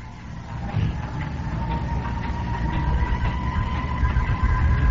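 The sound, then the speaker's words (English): Fire engines rumbling past outside, a steady low roar of heavy engines that builds slightly over a few seconds, with a faint sustained tone riding above it and no one talking. “They can hear the fire engines going.”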